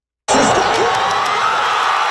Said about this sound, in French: Explosion de joie. Au coup de sifflet final, le Canada s'est qualifié pour la première fois de son histoire en 8e de finale de la Coupe du Monde.